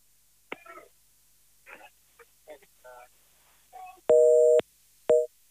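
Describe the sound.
Short scattered bits of voice give way to a loud telephone busy tone during phone calls made in a Sportmatinee radio broadcast: one longer beep followed by a shorter second beep, clear.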